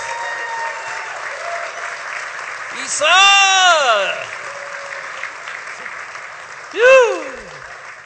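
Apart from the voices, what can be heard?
audience applause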